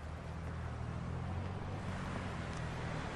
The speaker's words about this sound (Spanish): Jackie avanza un poco para ver cómo se aleja el auto de la casa.